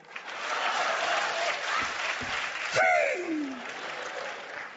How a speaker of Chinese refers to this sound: 鼓掌